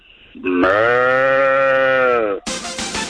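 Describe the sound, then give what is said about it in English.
A person does a loud, drawn-out impression of a cow mooing, one sustained call lasting nearly two seconds, followed right after by a brief burst of noisy, hissy sound. “you got to give me your best cow moo.”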